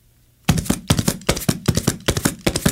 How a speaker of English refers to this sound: That sounds like a horse running away. That's right. But it was really your 2 empty shells hitting my chest.